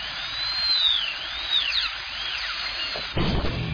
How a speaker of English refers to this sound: This 3 seconds brought to you by a dentist drill.